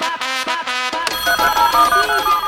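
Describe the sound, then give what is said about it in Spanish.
A phone ringtone chimes in a quick rhythmic burst of bright electronic tones, then shifts into a denser, sustained melodic ring, loud with no talking. “Oye, vamos al teléfono.”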